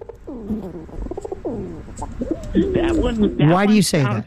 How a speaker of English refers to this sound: That sounds more like a pigeon, but there's another. You played the second part of their call. Part of it sounds like that. The females sound like that when they're mating.